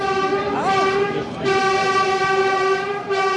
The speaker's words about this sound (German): Die neue S15, sie fährt, verbindet ab heute den nördlichen S-Bahnring mit dem Berliner Hauptbahnhof.